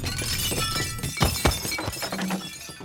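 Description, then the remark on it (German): Drinking glasses shatter and clink in a burst of sharp, bright crashes, two louder impacts standing out amid a steady clatter of tinkling shards, with no voices. “Eine kleine Ewigkeit hörte er Gläser klirren, Stühle rücken, Stimmen, aufgeregte und ruhige.”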